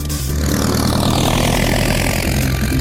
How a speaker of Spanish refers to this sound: ¡Justo como ese! ¡Oiga, miren allí! Reconozco un avión fumigador cuando lo veo.